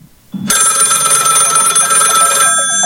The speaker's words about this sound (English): Phone rings.